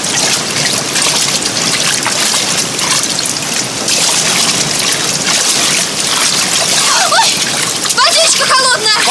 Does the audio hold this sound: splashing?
yes